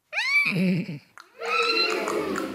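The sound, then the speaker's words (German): A person in a classroom imitates a horse whinnying as a demonstration. A shrill rising cry slides into a lower, quavering warble. After a brief pause comes a longer, wavering neigh that trails off. “Wir werden hier gleich mal oder jetzt sofort ein Pferd durch das Klassenzimmer traben lassen oder das mal wiehern lassen.”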